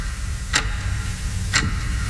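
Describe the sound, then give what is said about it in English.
Two crisp clock ticks land exactly one second apart, clear, over a low steady hum with no voices. “That sound... it's not a clock.”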